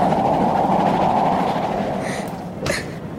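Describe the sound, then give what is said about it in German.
A steam train rolls along with a steady, dense rumble and the rhythmic clickety-clack of its wheels, loud throughout, with a brief metallic clatter near the end. “Der Ruß kommt rein und der Bahnhof ist sowieso nicht mehr zu sehen.”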